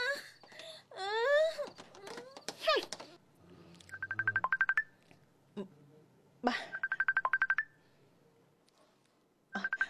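A cellphone ringtone chirps for an incoming call in quick pulsed bursts, repeating three times with pauses between. Before it, a voice wails and moans in rising, drawn-out cries.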